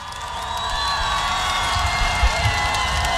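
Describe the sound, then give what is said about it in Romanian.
A large crowd applauds and cheers steadily at the Forța Zoo open-air concert in Piața Mare, Sibiu, in 2015, welcoming a singer: a dense wash of clapping and shouts with a few whoops rising above. “primiți-l cu aplauze.”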